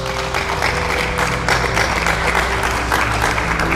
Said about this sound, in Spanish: Alguien denle un aplauso a Dios.